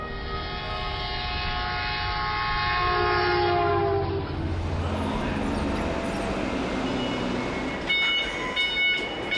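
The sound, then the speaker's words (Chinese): A high-speed electric train on the Longhai railway along the Yellow River in China passes, a loud steady tonal whine giving way midway to a broad rushing roar, with brief high metallic tones near the end. No one speaks. “黄河上的高铁连通的不仅仅是中国的西部和中原，更是贯通欧亚的大陆桥。”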